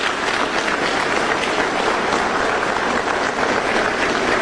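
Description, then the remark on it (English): Sustained applause from a sizable crowd at a Department of Justice indictment press announcement, a dense, steady wash of many hands clapping at once, fairly loud and even throughout with no voices standing out. “You're gonna get to clap for Jason in 20 seconds.”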